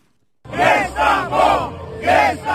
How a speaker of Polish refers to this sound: Zburzony tłum protestujących przed Trybunałem Konstytucyjnym i przepychanki z policją.